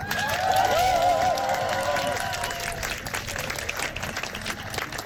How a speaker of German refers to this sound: Ein großer Applaus für die Liebe.